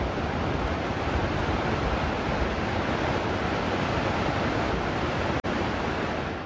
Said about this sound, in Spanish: Ahorita contamos con un mar de fondo.